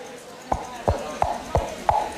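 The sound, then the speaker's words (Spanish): Two coconut halves clapped together to imitate horse hooves, a classic radio-drama and theatre sound effect: six hollow, evenly spaced knocks in a steady trotting rhythm, fairly loud, with no voices. “Y, por ejemplo, uno de los recursos más famosos de radioteatros y teatros de todo tipo era hacer el sonido de caballos con 2 cocos chocando.”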